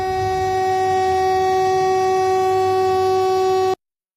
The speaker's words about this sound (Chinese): 警方随后调取的第二段视频同样拍摄于2月11号当天，地点依然是同一区间线路，记录了另一趟列车遭遇同类涉铁险情的全过程。画面显示有人沿铁路线行走，所幸司机反应及时，在列车即将靠近该人员时采取紧急制动，最终没有酿成事故。